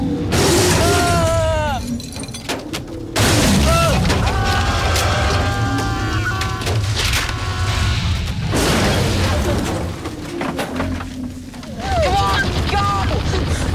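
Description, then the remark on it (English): A heavy tree crashes down onto the roof of a small car perched on a branch, crumpling metal as the car collapses and shattering its windows in several loud bursts, with voices crying out between the impacts. “The small car sits perched on a branch as the rest of the tree hits the roof. It collapses and the windows shatter.”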